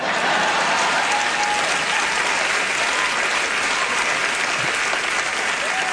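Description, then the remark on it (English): A crowd claps loudly and steadily, dense, continuous applause that holds at an even level for the whole stretch without any talk. “I get an introduction, a round of applause, and music played every time I show up for work.”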